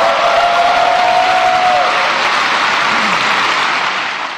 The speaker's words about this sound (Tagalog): Pinakamahabang palakpak, hiyawan at standing ovation ang natanggap ni Pangulong Ferdinand R. Marcos Jr. matapos niyang iwan ng mga salitang yan sa kanyang ikalimang State of the Nation Address o SONA kahapon.